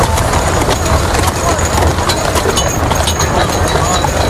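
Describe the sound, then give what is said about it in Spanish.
Steady clip-clop of two horses' hooves pulling a carriage that carries the coffin of Antonio Gaudí through the crowded city centre of Barcelona at his funeral, the clopping set against a dense wash of street and crowd noise from thousands of onlookers, with murmuring voices in the background. “Un carro, tirado por dos caballos, transporta el féretro al que todo el mundo mira.”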